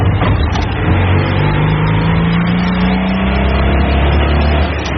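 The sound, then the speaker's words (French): A Citroën 2CV car engine revs and accelerates steadily on Boulevard Carnot, its droning pitch climbing as it pulls away, loud throughout with no talking. “Elle y va quand même, hein? Alors, comme elle est très très légère, la dodoche, finalement, elle a des bons freins, malgré qu'à l'époque, ils disaient, rien n'arrête une dodoche, même ses freins.”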